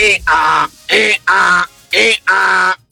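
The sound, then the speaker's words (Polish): A person imitates a donkey braying: three loud hee-haw cycles, each a short, strained high note followed by a longer, lower honking tone, in a steady rhythm with brief gaps. “To jest osioł, który marzy o karierze jako kierunkowskaz.”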